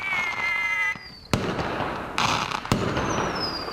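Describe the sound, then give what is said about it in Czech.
Fireworks go off outdoors: a whistling rocket rises, then sharp explosive bangs crack out with crackling bursts between them, moderately loud against a continuous noisy background. “Nejdřív měl jen takové milé využití na krásné ohňostroje.”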